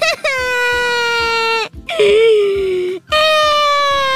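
A person wails and cries loudly in three long, sustained moaning bursts, each pitch sliding downward, separated by brief gasping pauses.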